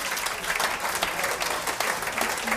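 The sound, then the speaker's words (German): An audience applauds steadily for a singing group and their Mai-Gesang, a dense, even wash of many hands clapping at once, sustained at a fairly loud level without pause, with no voices standing out. “Einen Applaus, … und der Mai-Gesang.”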